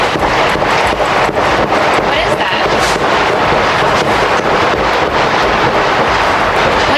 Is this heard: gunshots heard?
yes